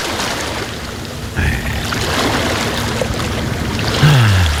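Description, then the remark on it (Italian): Sea waves wash steadily and fairly loudly with a constant broad hiss of surf, no voices; near the end a short low sliding tone rises briefly above the water. “Un altro po' di mare si può fare. Mare vai.”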